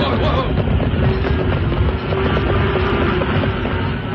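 A herd of cattle stampeding past, a loud, steady rumbling roar of many hooves that holds without a break from start to finish, with no distinct individual beats.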